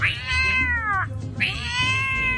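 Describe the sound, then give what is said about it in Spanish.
A man's voice imitates a dog fighting a cat, the cat yowling: two long, drawn-out, wailing cries with a falling pitch, loud, separated by a short gap, with no talking. “La pelea de un perro con un gato cuando el gato se siente solo.”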